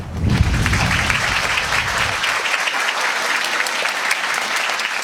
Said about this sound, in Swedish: Har du fått nog av blåsen nu?